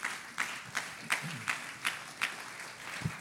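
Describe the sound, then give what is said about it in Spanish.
A group applauds to welcome a missionary, with steady, rhythmic claps in near unison, about three per second, moderately loud over a light murmur, with no talking. “Entonces, con un aplauso, recibimos al misionero.”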